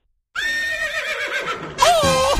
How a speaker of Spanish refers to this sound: ¡Oh! ¡Mi caballo!